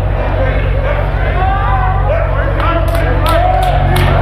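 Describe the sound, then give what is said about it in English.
A loud, continuous roar of many voices shouting and cheering together, with scattered sharp claps cutting through the steady crowd noise. “Y'all was shouting good.”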